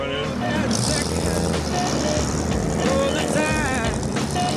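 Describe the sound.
A car's hydraulic suspension pumps and shifts, a steady mechanical whine and engine rumble rising and falling continuously, with voices talking over it.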